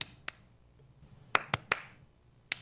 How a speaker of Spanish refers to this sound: Aplaude conmigo. Escúchame primero y luego lo haces tú. Mira. Ahora lo haces tú.